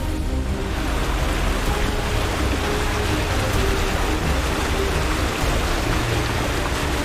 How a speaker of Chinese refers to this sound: 没多久，大家的眼前出现了一条近两米宽的溪流，顺着流向望去，十几米外地势陡峭，溪水也就此腾空，变成了飞流直下的瀑布。